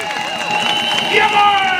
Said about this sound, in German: Bitte noch ein bisschen lauter und noch ein bisschen lauter. Ruft und klatscht, vielleicht reißt dein Deck auf und es wird sonnig, blau und helle.